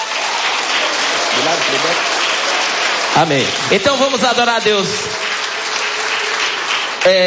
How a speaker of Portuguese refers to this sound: Aleluias, glória a Deus. Pode louvar a Deus com as palmas.